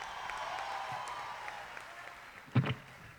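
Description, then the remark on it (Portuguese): An audience in Colombia claps for a priest from Brazil as he is introduced, in a steady, dense patter of applause that holds throughout, with a sharp louder thump near the end before the clapping carries on. “Una salva de palmas, papá.”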